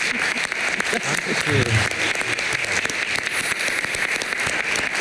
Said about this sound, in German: Also das verdient einen tosenden Applaus.